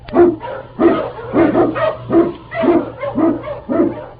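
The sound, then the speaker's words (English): King, a husky Eskimo lead sled dog, barks repeatedly in a steady rhythm, about seven loud barks with a slightly yelping edge, over a faint low hum and no talking, in the radio drama The Challenge of the Yukon. “King, the swiftest and strongest of Eskimo lead dogs, blazes the trail through storm and snow for Sergeant Preston as he meets the Challenge of the Yukon.”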